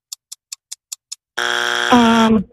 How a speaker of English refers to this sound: There's your buzzer.